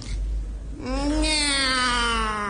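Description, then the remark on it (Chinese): One long, drawn-out meow, rising at first and then holding steady for nearly two seconds, loud and close over a low background rumble. It may be a person imitating a cat. “那这猫什么态度呢？”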